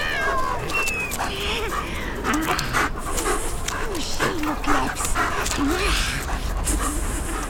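A dog lunges at a cat in a noisy scuffle: the dog pants and whimpers while the cat, turning on it claws out with fur bristling, yowls and hisses in harsh bursts, continuous and frantic throughout.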